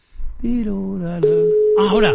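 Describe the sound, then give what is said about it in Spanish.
A steady electronic telephone tone from an unanswered phone call, sounding odd, starts partway through and holds at one pitch to the end, sounding over a person's voice talking in the foreground. “no me lo coge tu madre, no me lo coge tu madre, no, es que pita raro.”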